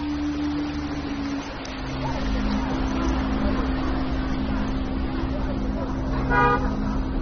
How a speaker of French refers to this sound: À Montreuil, le bus 122 marque l'arrêt à la noue Clos Français.